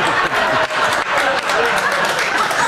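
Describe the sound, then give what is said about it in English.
An audience claps steadily for a few seconds after being asked to clap if they don't think a woman deserved a ticket, a dense wash of many hands at a fairly loud, even level, with a faint murmur of voices mixed in. “So clap if you don't think she deserved a ticket.”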